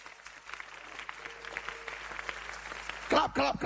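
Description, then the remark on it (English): An audience claps together in a dense, steady patter of many hands that lasts several seconds, before a loud voice breaks in near the end. “Clap.”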